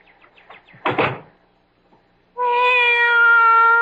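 A cat lets out a loud, long, drawn-out meow that holds steady to the end, preceded by a few faint chirps and a short rustling thump. No one speaks.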